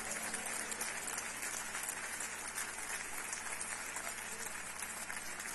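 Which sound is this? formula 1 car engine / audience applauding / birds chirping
audience applauding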